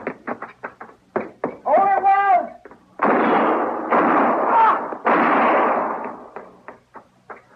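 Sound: gunshots fired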